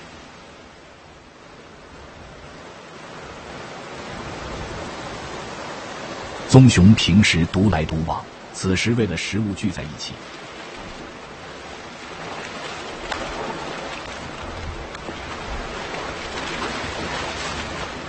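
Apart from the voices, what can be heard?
rushing waterfall water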